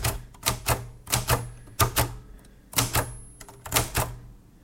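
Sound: typing on a typewriter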